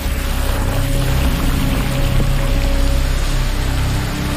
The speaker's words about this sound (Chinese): 河水暴涨，一些水生生物被冲进了洞穴。潺潺落下的水滴打破了洞穴的静谧，几条鲤鱼被水流带入了洞穴。